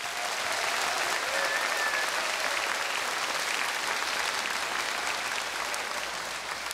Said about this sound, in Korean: 여러분들이 젖먹었던 힘이 있다고 한다면 그분들을 위해서라 뜨거운 박수 한번 부탁드리겠습니다.